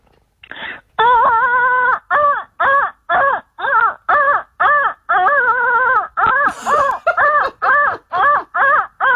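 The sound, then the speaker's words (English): A printer feeding paper through, heard as a steady rhythm of about fifteen short, loud, whining tonal bursts with a wavering pitch, separated by brief gaps, with no talking. “You know when the paper feeds through and it sounds exactly you know like what, that.”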